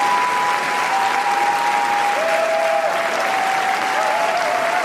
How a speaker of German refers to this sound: Die Währung, mit der beim wichtigsten Filmfestival der Welt Erfolg gemessen wird, heißt Standing Ovations. Und mit 12 Minuten anhaltendem Jubel und Applaus nimmt der französische Beitrag Garance in diesem Jahr eine Spitzenposition ein.